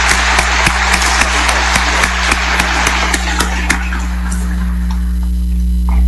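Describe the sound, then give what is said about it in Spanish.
An audience at a church novena applauds the Monsignor, their pastor, a dense wash of clapping with a few sharper claps standing out. It fades away after about four seconds, leaving a steady low electrical hum. “Démosle un aplauso a Monseñor, que es nuestro pastor y nuestro guía también.”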